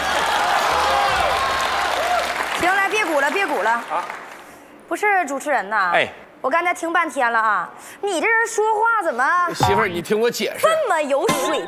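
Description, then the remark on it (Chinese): A burst of audience applause, called for by a host, dense and steady for a few seconds with a voice faintly over it, then it stops and a man talks on alone. “朋友们，鼓鼓掌吧！行了，别鼓了，别鼓了。”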